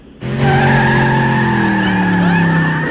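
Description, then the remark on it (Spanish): A car's tires screech loudly as it peels away, a sustained squeal with strong tonal bands over engine rumble, starting abruptly after a brief quiet moment and holding steady. “Y así se escuchó el carro.”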